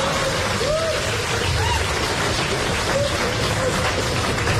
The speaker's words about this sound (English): I don't know why you're applauding.